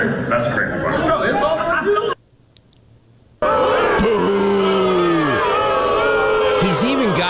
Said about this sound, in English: Own people booing him.